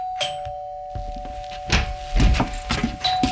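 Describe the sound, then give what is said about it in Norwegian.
A doorbell rings with one sharp chime that holds as a steady, sustained tone throughout, while dull thumps and clattering bumps come and go beneath it. No one speaks. “Samme skjer hvis man opplever at det ringer på døra, og så er man opptatt med noe annet.”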